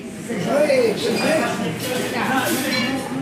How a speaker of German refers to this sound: Ein Eckrestaurant im ABC, wie der Industriegürtel rund um São Paulo genannt wird. Gefliester Boden, Fotos an den Wänden, Holztische, gut besucht und voller Geschichten.